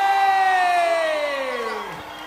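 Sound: audience applause and cheering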